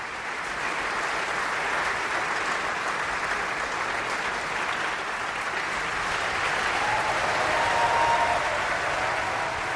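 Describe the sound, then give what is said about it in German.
Sustained, dense applause from a large opera audience in Bayreuth for Camilla Nylund (Brünnhilde) and Klaus Florian Vogt (Siegfried) bowing hand in hand before the curtain after Götterdämmerung; a steady wash of many hands clapping at an even, loud level, swelling slightly near the end, with no speech. “Hand in Hand verbeugen sie sich vor dem Bayreuther Publikum und empfangen den Applaus der Menge.”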